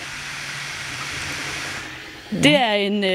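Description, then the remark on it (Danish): A 3D printer printing a panda bear at Næsby Skole runs with a steady, airy mechanical whir, then a louder tonal whine that slides up and down in pitch cuts in near the end. “Det var en 3D-printer, der ved at printe en pandabjørn.”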